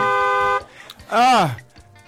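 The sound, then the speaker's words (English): A car horn honks at the gate of a house: one long, steady, loud blast lasting about half a second, followed after a short pause by a second, brief wavering tone. “When you are knocking like that or you are pressing home like that, you exercise patience.”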